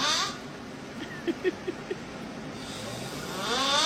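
Four quick, soft snoring snorts come in a short run, each brief, over a steady hiss of background noise, with no one talking.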